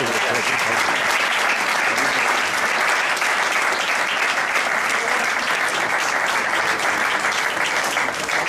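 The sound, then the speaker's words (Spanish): Sustained applause from a sizable audience, a dense, steady wash of clapping that stays loud and even for the whole stretch, with faint voices mixed in beneath it. “Este es un aplauso especial por eso.”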